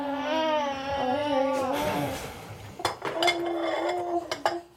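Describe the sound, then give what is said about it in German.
Dishes and cutlery clatter during washing up in a small fitted kitchen, with several sharp clinks and knocks in the second half. A baby's wavering cry fills the first part. “Überall stapelt sich Geschirr, auf dem Herd blubbert eine Fertigpastasoße vor sich hin.”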